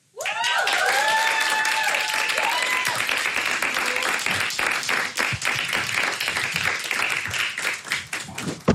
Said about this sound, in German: Also macht mal einen großen Applaus